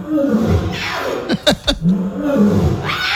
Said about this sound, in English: And let's talk about the new cub born over at the Pittsburgh Zoo and Aquarium to the female lion Scarlet and the male lion Hondo. And it's so cute watching this lion try to roar like dad.